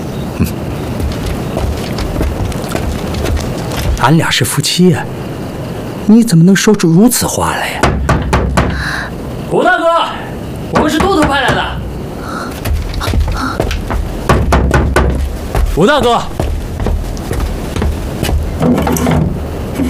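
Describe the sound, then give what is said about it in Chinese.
Several sharp knocks on a wooden door come in a short burst partway through, loud, with people talking before and after; two messengers knock at an elder brother's house door to deliver reward silver. “快去敲门吧。”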